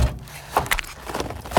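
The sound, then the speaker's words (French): In a kitchen, a refrigerator door is pulled open with a quick clunk followed by a couple of soft knocks and faint rattles, then quiet room tone. “Dans la cuisine, j'ouvre la porte du frigo.”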